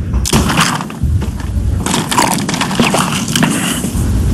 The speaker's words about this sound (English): Picked the right question to sip on, huh? The sound effect you heard was him taking a drink of water as that question was being asked, HD, loudly, to make sure, like, oh, so this is what we're doing.